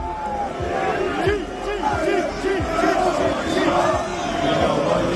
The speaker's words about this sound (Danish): I er nogle snydende skiderikker, og I ved det godt selv, sang og råbte Liverpool-fans mod Manchester City-spillere og Manchester City-fans, da City i går besøgte Anfield i Liverpool.